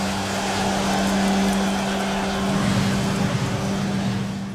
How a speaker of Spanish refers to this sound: aquí atorada en el tráfico saliendo del trabajo